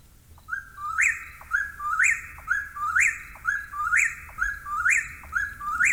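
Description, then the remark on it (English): An eastern whip-poor-will calls over and over, its loud three-part whistled phrase repeating about every second in a steady, rolling rhythm, each ending on a sharp upward snap, with no voices. “And so the name comes from this call, which sounds like whip poor will. Here is what one sounds like.”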